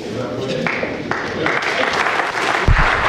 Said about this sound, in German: Ja, Applaus für die ehrenamtlichen Magistratsmitglieder, die gerade im Chor die Vereidigungsformel gesprochen haben und jetzt auch noch Ernennungsurkunden bekommen.